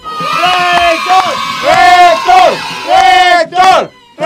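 A crowd cheers loudly for the rector in repeated rising-and-falling shouted bursts, many voices together in a steady rhythm, with a brief lull near the end before another swell.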